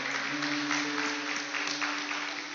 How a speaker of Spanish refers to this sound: ¿Cuántos aplauden el nombre del Señor por sus milagros?